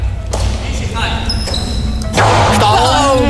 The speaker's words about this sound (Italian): Tu considera che la palla può raggiungere velocità tipo intorno ai 300 km orari. Cioè, giusto, quindi... per farti sentire come suona questa palla, quali botte prende.